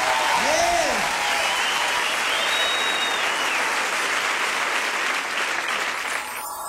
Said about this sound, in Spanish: Fuertes aplausos